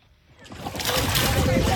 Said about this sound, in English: In a remote village in Akobo, one of South Sudan's most restive regions, small boats carrying families, including young children, glide towards the riverbank.